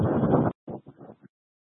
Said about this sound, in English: It's very windy.